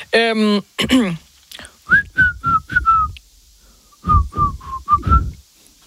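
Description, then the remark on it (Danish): A short vocal sound, then a person whistles a pop song melody in two phrases of about five clear, steady notes each, fairly loud, with a brief pause between phrases. “Du skal seriøst ikke kigge på mig, for så kan jeg ikke fløjte.”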